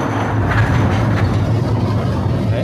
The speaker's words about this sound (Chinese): 好，我们也带着青年朋友们一起体验一下我们中华钨矿公司的钨矿。大家有没有听到这个声音？这个声音就像我们火车的这个轨道一样的声音，咯噔咯噔。